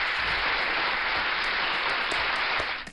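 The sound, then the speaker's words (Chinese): A crowd at a school event claps steadily and loudly after passing a campus safety and mental health quiz, a dense wash of many hands that fills the whole stretch and tapers off right at the end. No one speaks over it. “给你们再一次大大的掌声。”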